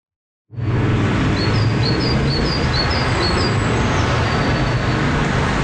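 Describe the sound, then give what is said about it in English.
A great tit (Parus major), a small bird, sings a quick run of repeated high, sharp notes over a steady roar of city traffic, the birdsong thin and bright against the constant low rumble of passing vehicles. “Okay, so these are the songs of the Paris major bird. It's a small bird, also called the great tit, a bird closely related to our chickadees here in Ontario.”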